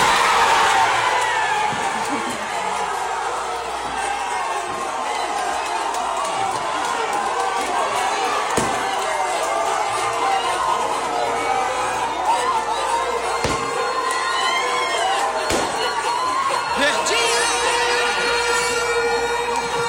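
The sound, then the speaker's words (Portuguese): Neymar's friends and colleagues at his home cheering and shouting excitedly as his name is announced among the players called up, loud throughout, with occasional sharp thumps like feet landing as they jump around. “Quem está com a gente na Rádio Verdinha e não vê as imagens, o Neymar se abraça com a esposa, o Neymar, a galera que está com ele lá no local, vibra, pula, e ele de repente começa a chorar.”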